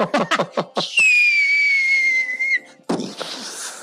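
A loud, steady whistle blast held for over a second, pitch dipping slightly before it cuts off, with brief voices just before it and a burst of noisy commotion right after.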